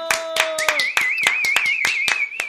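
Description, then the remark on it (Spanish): Steady, evenly spaced hand claps on a radio program, about four per second, while a high wavering whistle-like tone, an imitation of someone's whistle, runs over them after a brief voiced sound at the start. “Un aplauso.”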